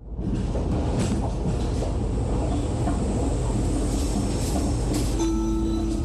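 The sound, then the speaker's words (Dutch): A metro train heading toward Centraal Station rumbles steadily along the track, a loud, continuous low roar filling the interior, with a brief tonal whine near the end as it slows into Diemen-Zuid station. “Deze metro gaat richting Centraal Station.”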